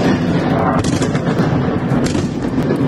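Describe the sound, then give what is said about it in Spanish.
Loud, continuous rumbling of artillery fire in Kyiv, Ukraine, under intense Russian fire during the night, with two sharper explosive blasts cutting through the dense roar about a second apart. No voices are heard. “Ha estado gran parte de la noche bajo intenso fuego ruso.”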